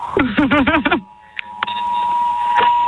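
About 150 mobile phones in the MediaMarkt store in Gründau blare an emergency test alarm together: a rapid, rising-and-falling warble for about a second, then a loud, steady, high-pitched tone that keeps droning over a noisy background.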